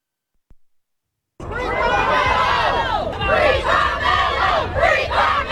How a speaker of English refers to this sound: Crowds outside of a North Texas courthouse are reacting to the verdict in the Carmelo Anthony trial.